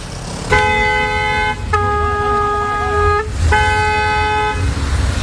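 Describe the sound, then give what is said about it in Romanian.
Three long, loud car horn blasts in close succession, the middle one wavering slightly in pitch, over a constant rumble of road traffic on a busy boulevard in Sector 5 of the capital. “Imagini incredibile pe un bulevard intens circulat din sectorul 5 al capitalei”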